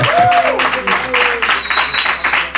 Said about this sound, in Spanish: un aplauso para ti, sí, señor.